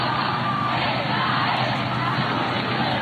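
A huge crowd of more than a million people roars on the Plaza de Cibeles in Madrid, waiting to see Pope Leo XIV: a dense, steady wash of cheering and shouting voices that stays loud and unbroken for the whole few seconds.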